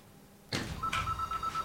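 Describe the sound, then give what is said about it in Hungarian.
A telephone rings, starting abruptly after a moment of quiet with a sharp clatter, then a steady electronic tone with a few brief pulses over it. No one speaks. “Telefon.”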